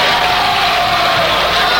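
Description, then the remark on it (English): A large audience cheers and roars with excitement as a stage curtain draws open, a dense, loud, continuous wall of crowd noise that holds steady from start to finish without any single clear voice. “You can hear the audience, the incredible excitement of the audience.”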